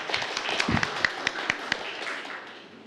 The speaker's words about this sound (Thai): ครับผมปรบมือเพื่อนด้วยครับนักเรียน